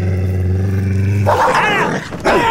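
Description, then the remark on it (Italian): A dog named Gaetano lets out a deep, steady growl, then erupts into loud, frantic snarling and barking as it attacks, with no one speaking. “Ma pensa a te se sono in balia di una deficiente e di un cane assassino.”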